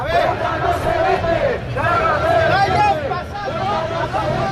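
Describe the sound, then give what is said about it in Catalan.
A protest crowd of up to 1,700 people on Passeig de Gràcia, Barcelona, marching in defence of Ceuta and Spanish unity, chants slogans like "Ceuta no se vende, Ceuta se defiende" and "Catalunya és Espanya" in unison, rhythmic shouted phrases rising and falling over a dense, steady roar of many voices, loud throughout with brief dips between chants. “Sota crits com Ceuta no se vende, Ceuta se defiende o Catalunya és Espanya, fins a 1.700 persones, segons la Guàrdia Urbana, han clamat a favor del poble ceutí al Passeig de Gràcia de Barcelona.”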